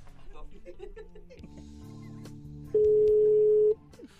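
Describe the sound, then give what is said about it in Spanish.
A voice talks briefly, then a single loud, steady telephone tone sounds for about a second before cutting off, leaving faint background sound, as a call reaches voicemail. “Buzón de voz. Hola. La llamada se cobrará al terminar los tonos siguientes.”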